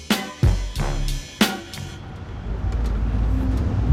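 Steady low engine rumble from inside a moving city bus in San Francisco heading downtown in January 2026, with a few sharp clunks and rattles in the first second and a half before the drone settles and continues alone.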